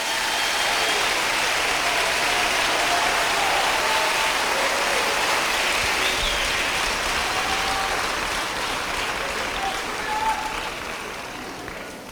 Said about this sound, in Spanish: Gracias, gracias. El aplauso es para Él, porque tú estás aceptando el desafío, estás entendiendo.